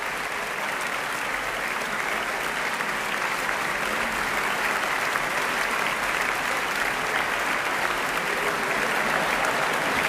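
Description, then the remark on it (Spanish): Sustained applause from a large concert audience in the Sala Sinfónica of the Auditorio Nacional de Música, for the soloists, Tan Dun and the Orquesta y Coro Nacionales de España after their performance. A dense, steady wash of many hands clapping at an even, loud level throughout, with no voices standing out. “Son ahora todos los integrantes de esta interpretación, solistas vocales, Tan Dun, Orquesta y Coro Nacionales de España, que reciben este aplauso aquí en directo en la Sala Sinfónica del Auditorio Nacional de Música.”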